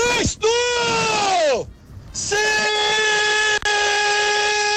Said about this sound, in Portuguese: Tem necessidade desse grito, cara?